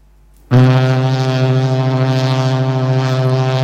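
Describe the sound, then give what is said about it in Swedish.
A Swedish radio phone-in quiz's wrong-answer tone, played when a caller's question is wrong: after a short silence, a loud, low, harsh buzzer starts abruptly and holds steady for about three seconds, rich and brassy like a foghorn, with a faint pulsing. “Och är frågan fel så hör ni den här tonen.”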